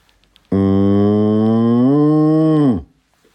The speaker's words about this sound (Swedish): Ja, och sen har vi koljud 2.